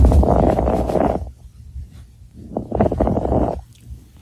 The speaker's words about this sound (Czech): Nemoc ale může zachytit už praktický lékař, který při poslechu plic takto nemocného člověka uslyší tenhle zvuk.